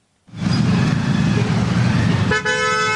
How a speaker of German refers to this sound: Ein typischer Morgen in Delhi. Der Verkehr nimmt zu, von überall her ertönen Hupen.